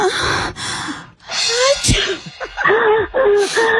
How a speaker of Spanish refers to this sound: Ahí, y otro, y ahí mismo como que alguien estornudó.